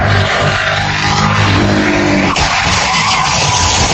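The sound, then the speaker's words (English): Tires screech loudly in a sustained skid as a car engine roars during a police chase ending in a violent crash in Miami, Florida, with a sharp impact-like jolt midway before the noisy engine and skidding continue. “In Miami, Florida, a man being chased by police accused of military abandonment ends up in a violent crash.”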